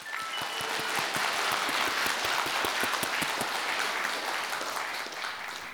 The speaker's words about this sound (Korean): 하늘빛 가야금 병창단 친구들에게 다시 한번 큰 박수 부탁드립니다.